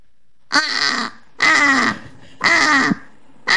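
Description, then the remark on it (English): A person imitates a British crow, giving three loud, harsh, rasping caws at a steady, evenly spaced rhythm with no other sounds, and a fourth caw just starting as it ends. “let's hear the British crow then”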